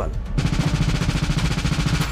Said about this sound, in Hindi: Festival में गोलियों की तड़ताहट, अफरा तफरी का माहौल, चीखते चिल्लाते लोग। तस्वीरें कनाडा के टोरंटो की हैं, जहां शनिवार शाम एक प्रसिद्ध स्ट्रीट फेस्टिवल के दौरान अचानक गोलियों की तड़तड़ाहट से हड़कंप मच गया।